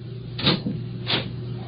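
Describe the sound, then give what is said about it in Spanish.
Two muffled wooden thumps and creaks about half a second apart as an apartment door is opened and then carefully shut, over a low steady hum, with no voices. “Cierre con cuidado la puerta.”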